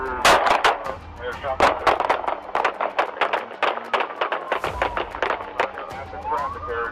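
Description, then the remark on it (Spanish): A chaotic shootout between police and a cornered suspect: dozens of sharp, loud gunshots crack in rapid, irregular bursts, overlapping one another, while police sirens wail underneath throughout. “Y una vez más, se desata la balacera.”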